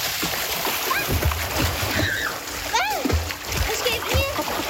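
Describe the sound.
Children splash into water again and again, the bursts of splashing and sloshing close and lively, with excited high-pitched squeals and kids' voices calling out between them.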